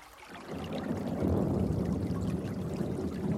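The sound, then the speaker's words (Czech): Water pours steadily into a barrel, a dense, continuous gush that starts suddenly after a brief moment and carries on at a fairly loud, even level, without any voices. “Anče nanosit vodu do sudu”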